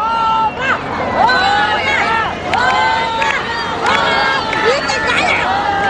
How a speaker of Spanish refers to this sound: saliendo del escenario entre aplausos y ovaciones del público presente que no lo querían dejar ir y comenzaron a gritarle a coro que cantara otra.